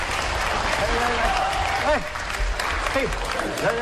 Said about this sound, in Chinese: 好嘞，啊，别叫，闪亮登场，掌声鼓励。掌声啦、啊！掌声鼓励！